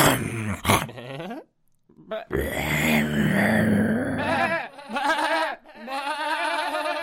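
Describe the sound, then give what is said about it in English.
A voice imitates a wolf growling with rough, snarling vocal bursts, loud, broken by a brief pause before the snarls resume and stretch on. “It was a wolf.”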